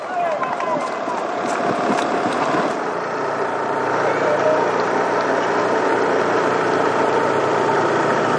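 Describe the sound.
A motorcycle engine runs steadily among the riders of a cycling race at the foot of a mountain climb, a continuous mid-pitched drone that never lets up, with indistinct voices and general outdoor noise mixed underneath.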